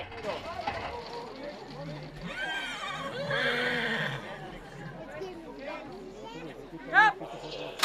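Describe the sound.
Horses whinny and snort as a crew of specialists loads them into narrow starting stalls at a horse race, amid a busy, chattering crowd, with a loud, sharp neigh cutting through near the end over steady background voices.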